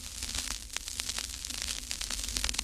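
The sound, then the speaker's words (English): Vinyl record crackle from a record player: a steady bed of soft hiss dotted with irregular sharp pops and clicks, plus a faint low hum underneath, with no voices. “But my favorite, and I still hear this a lot because I have a record player, is the sound of a vinyl record crackling.”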